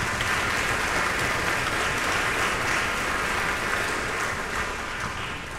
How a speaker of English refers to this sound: These are people who have been smiling at you in all of areas of CIM, and they have just done an incredible job putting this work together. So a huge round of applause for the staff.